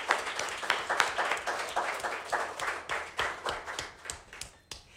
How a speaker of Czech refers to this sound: To je super, že jste tady, že tleskáte, protože tak to nevypadá, že tady nikdo není, že jo?